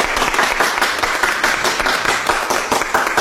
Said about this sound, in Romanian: Intră întâmpinat de aplauze.